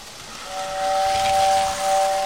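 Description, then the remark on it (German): A steam train's whistle sounds a steady, sustained tone over a broad rushing hiss of steam, fairly loud, with no voices. “Wenn ihr mit dem Zug, der Tram, der Straßenbahn bei euch unterwegs seid, dann habt ihr sie unter euch, die Schienen.”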